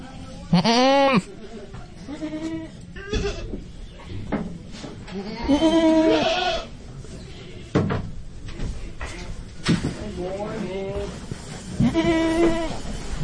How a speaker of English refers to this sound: So check it out. This is A Goat Auction in North Carolina.